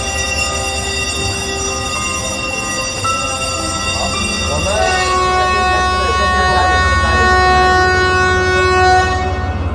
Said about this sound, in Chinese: 是不是要发车了？ 对，我们该上车了。 对，我 打铃了。 确实很大声。 走吧，上车。